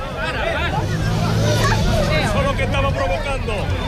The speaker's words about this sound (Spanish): Estos gritos que oímos de fondo son el inicio de una pelea entre los asistentes a la manifestación, una reyerta entre vecinos que es síntoma de la tensión que vive el barrio.